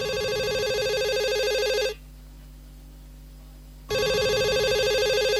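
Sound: cell phone ringing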